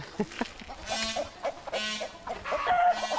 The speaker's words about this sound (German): Und Hühner. Wir wollen sie alle essen. Achtung, Hühner, pass auf, das sind Raubtiere.